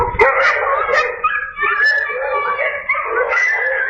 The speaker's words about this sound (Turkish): Elinde scooter ile yürüyordu, bir köpekle karşılaştı. Kısa sürede etrafını köpekler sardı.